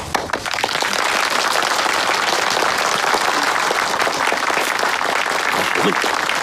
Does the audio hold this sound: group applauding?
yes